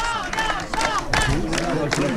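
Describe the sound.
A crowd of UDR-RN party activists in the Var, France, cheers and shouts together celebrating senatorial election results, a dense babble of overlapping voices with bursts of whooping and what may be scattered clapping, steady and loud throughout.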